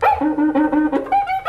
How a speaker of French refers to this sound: Ce grognement, ce bruit, c'est celui de la cuica.